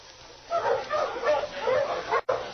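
A pack of dogs barks and yelps excitedly at a sled-pulling elimination contest on a clear, cold day, where each dog in turn is harnessed to a weighted sled; a dense, overlapping chorus starts after a brief quiet moment and carries on loudly, pausing for an instant near the end.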